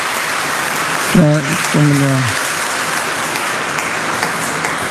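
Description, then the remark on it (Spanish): An audience applauds the children who came to catechism for first communion and confirmation, a steady, dense wash of clapping that fills the whole stretch, while a voice briefly calls out over it partway through. “Un aplauso a todos los niños que vinieron.”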